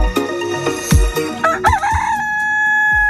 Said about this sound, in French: Ça, c'est le coq d'ici matin qui vous réveille de bonne humeur